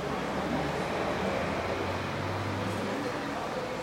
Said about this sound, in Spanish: 4 ruidos, cosas que puedas escuchar. El ventilador, uh-huh.